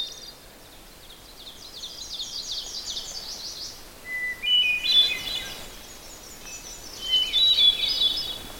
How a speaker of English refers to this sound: There's also an oven bird, the little warbler that goes teacher, teacher, teacher, teacher.